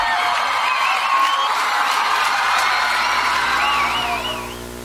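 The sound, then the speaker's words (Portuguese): An audience bursts into loud, sustained applause for the ambassador, mixed with cheers and wavering whistles, holding steady for about four seconds before tapering off at the end. “salve de palmas pro embaixador.”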